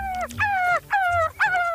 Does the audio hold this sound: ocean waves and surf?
no